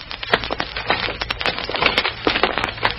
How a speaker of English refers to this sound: On the platform is a large packing case, a very large packing case. And as it rolls into the hall...